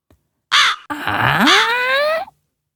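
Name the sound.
crow cawing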